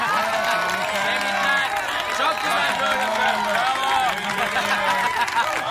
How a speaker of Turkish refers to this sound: Hadi bize bu gösteriyi sergileyenleri tekrar alkışlayalım. Bravo!